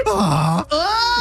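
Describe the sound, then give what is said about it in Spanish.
A person imitates a donkey's bray: a loud, low, groaning tone, a brief break, then a higher, strained, rising call, like a two-part hee-haw. “You can do a good donkey one.”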